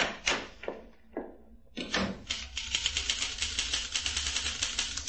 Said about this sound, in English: I sit in the small waiting room of Fantas and Arbogast Advertising, waiting. The typewriter thumps louder.